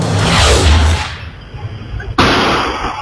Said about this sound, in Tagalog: Umalingaw-ngaw ang putok ng baril sa Apolinario Mabini Street sa Pasig City Linggo ng umaga.